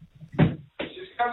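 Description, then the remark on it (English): A door opens with a short, solid thump, followed by a couple of bursts of rustling, clattering movement and muffled voice-like sounds. “Oh, are you a door opening?”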